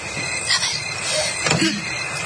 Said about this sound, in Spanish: A ver. La puerta se ha cerrado, señora.